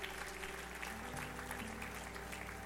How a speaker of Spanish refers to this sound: Aplauda la perfección de Dios.